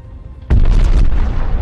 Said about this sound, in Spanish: Una enorme explosión atraviesa la parte inferior de la base aérea.